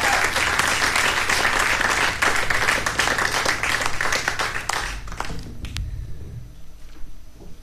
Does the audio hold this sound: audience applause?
yes